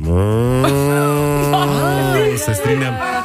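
A cow named Liska moos once in a long, deep, drawn-out call lasting about three seconds, loud, with the pitch wavering and a rough break near the end.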